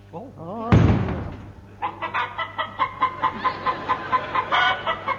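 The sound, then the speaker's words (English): A sudden loud burst gives way to a man's voice doing a loud rooster imitation, a long crow breaking into rapid, rhythmic clucking pulses for several seconds. “it's turned him into a male chicken.”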